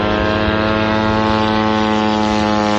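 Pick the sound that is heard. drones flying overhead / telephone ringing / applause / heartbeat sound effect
drones flying overhead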